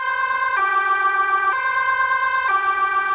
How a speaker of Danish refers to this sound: Det her det er udrykningskøretøjer fra i fredags ved et gymnasium i byen Fogestad, hvor en person bevæbnet med svær dræbte en 17-årig pige og sårede tre andre.